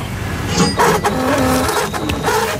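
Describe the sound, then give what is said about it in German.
A receipt printer whirs steadily as it prints, its mechanical buzz broken by a few short clicks and bursts, holding fairly loud for a couple of seconds with no talking. “Ich überlege noch, was ich mit diesem wunderschönen Bon hier mache.”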